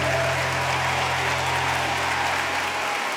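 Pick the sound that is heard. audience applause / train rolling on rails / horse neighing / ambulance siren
audience applause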